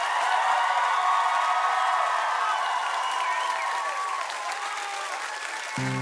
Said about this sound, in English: Hey, give everyone on the stage a huge round of applause.